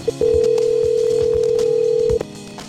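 A radio station, 94.3 The Goat, places a call to a contest winner: a brief beep, then a single steady, mid-pitched telephone ringing tone holds for about two seconds before cutting off, with no one speaking.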